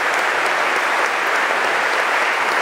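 Sustained applause from a large concert audience in Holmens Kirke, Copenhagen, for Marc Mouillon and Concerto Copenhagen under Lars Ulrik Mortensen, a dense, steady wash of many hands clapping at an even loudness throughout, with no voices rising above it.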